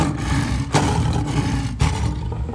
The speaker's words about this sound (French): Quand il fut devenu un lion grand et fort, dont le rugissement retentissait à travers toute la savane, il sortit enfin de sa cachette.